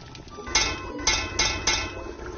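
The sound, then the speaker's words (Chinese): Several sharp metallic taps on the rim of a cooking pot, four quick strikes in an uneven rhythm, clear over a low background hum; tapping the pot rim signals that the food is cooked and it is time to eat. “您最后敲两下这个锅边是什么意思？”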